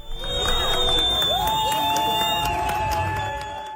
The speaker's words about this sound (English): Soccer fans greet the Turkish national team as their bus arrives in Vancouver. They will face off against Australia at BC Place.